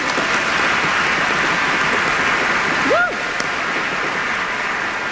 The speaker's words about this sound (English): For I truly believe, yes, let's applaud you.